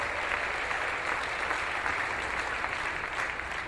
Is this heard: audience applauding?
yes